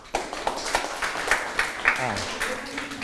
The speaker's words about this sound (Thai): ถูกต้องครับปรบมือให้เพื่อน